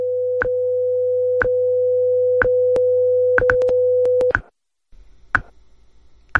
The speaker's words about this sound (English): At the tone, we've reached the top of the hour. WIZULP Newark.